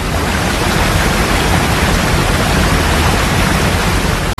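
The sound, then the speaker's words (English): A loud, steady roar of rushing water, like a waterfall, fills the whole clip with dense, unbroken noise before cutting off abruptly at the end. “A loud and intrusive natural sound, such as a waterfall, has evolved as part of an ecosystem over a long period of time.”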